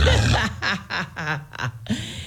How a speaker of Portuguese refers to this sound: Até o porco hoje acordou cedo, ó.